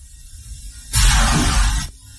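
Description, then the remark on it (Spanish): A loud burst of airy bubbling water, like being submerged, rushes in abruptly for about a second and cuts off just as suddenly over a faint low rumble. “Dice un agua como si estuviera metido en el agua, ¿no? Sí. Además, muy bien, con mucho aire,”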